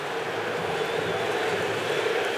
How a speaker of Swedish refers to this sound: Vi hör vad publiken tyckte. De tycker att Brasilien skulle ha haft frispark.